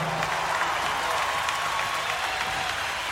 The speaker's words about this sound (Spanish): Y el gran aplauso se lo lleva la Orquesta Sinfónica de Mendoza.